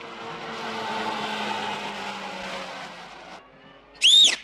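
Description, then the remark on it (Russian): A car engine drones steadily for a few seconds, then fades briefly before a sharp, loud tire screech bursts out near the end as the vehicle skids while turning around. “Машина догоняет его.”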